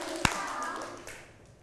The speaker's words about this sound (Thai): พร้อมแล้วหรือยังคะปรบมือหนึ่งครั้งปรบมือหนึ่งครั้งปรบมือสองครั้ง